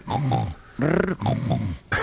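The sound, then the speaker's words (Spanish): A person voices a series of low, rough, growling grunts in about four bursts, mimicking a dog's growl blended with snoring, fairly loud with no other talk. “Tenés que hacer un estéreo entre el perro y ronquido.”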